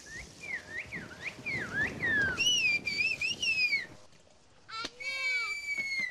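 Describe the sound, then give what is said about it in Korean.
A whistling master from Kuşköy, Turkey, whistles phrases of a whistled language by mouth without using his hands: loud, piercing phrases with swooping, warbling pitch glides in rapid bursts, pausing briefly before a final run of sharp rising and falling whistles. “손도 안 대고 자유자재로 붑니다.”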